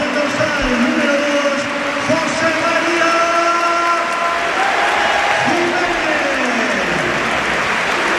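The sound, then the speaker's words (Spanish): A large football stadium crowd applauds and cheers in a sustained ovation for a limping Uruguayan player leaving the pitch as he is substituted, a dense roar of clapping and voices that stays loud and steady throughout, with chanting tones rising above the noise. “sale Lenormand y esta es la ovación que se lleva el uruguayo”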